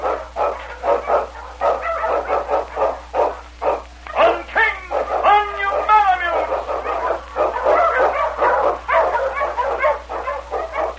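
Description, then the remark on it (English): King, Sergeant Preston's Eskimo lead sled dog, barks rapidly and excitedly while blazing a trail through storm and snow in the Yukon, the loud barks broken midway by a few high, drawn-out yelps before the steady barking resumes. “Wonder Dog King, swiftest and strongest of Eskimo lead dogs, blazes a trail through storm and snow for Sergeant Preston as he meets the Challenge of the Yukon.”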